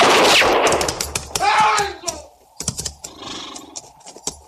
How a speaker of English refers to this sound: It was Hook shot him, sir, before anyone could stop him.